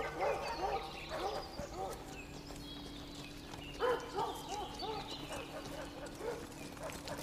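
Horses move along through woods at a steady walk, hooves clopping over a continuous low drone, while dogs bark repeatedly in short, overlapping bursts; Viserys and three Kingsguard ride through the trees to a hunting party.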